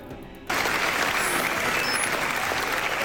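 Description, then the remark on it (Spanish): A loud, sustained ovation from a standing audience at the Venice film festival premiere of Búnker, for Penélope Cruz and Javier Bardem: many hands clapping, bursting in abruptly after a quieter half second and continuing as a dense, steady roar of applause. The ovation lasted almost 16 minutes. “Casi 16 minutos de aplausos, la más larga de lo que llevamos de festival.”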